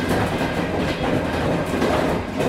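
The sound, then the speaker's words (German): A train rolls steadily along the tracks with a continuous rumbling roar and faint rhythmic clickety-clack of wheels on rail joints, without any voices. A train journey via Budapest to Greece after the fall of the Berlin Wall. “Nach dem Mauerfall ging es dann mit dem Zug über Budapest nach Griechenland.”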